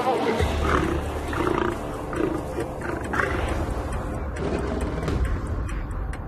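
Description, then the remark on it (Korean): Two male lions, which patrol and guard their pride's five-square-kilometre territory, roar and growl in deep, rumbling bursts that overlap into a steady, throaty chorus lasting several seconds. “이 두 수사자는 무리의 영역인 5제곱킬로미터를 순찰하고 지키느라 자리를 비웠었죠.”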